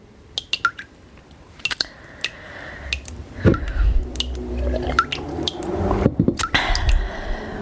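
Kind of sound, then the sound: sound effect, water dripping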